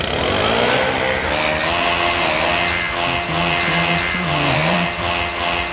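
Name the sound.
leaf blower running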